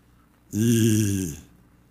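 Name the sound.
heavy breathing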